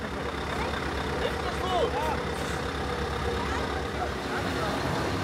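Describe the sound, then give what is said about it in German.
A heavy truck, stuck on a grass verge, rumbles and idles steadily, a dense low growl that barely changes, with faint indistinct voices mixed underneath. “Wir sind gerade am Plan, dass wir mit dem Radlader 2 Stahlplatten, die haben wir noch als Reserve da, dass wir die unterm LKW legen, hier auf dem Grünstreifen. Dass der da nicht einsinkt.”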